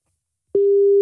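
A telephone ringback tone heard while a call to a landline connects: after a moment of silence, a single steady, pure electronic tone begins and holds, clear, with no voices.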